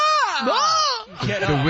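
An NFL player lets out a loud, anguished scream whose pitch swoops up and then slides down, breaking into a rougher, lower cry of pain after a brief dip.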